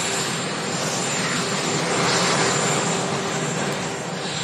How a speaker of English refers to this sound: And there he goes, off to Marine One, the helicopter.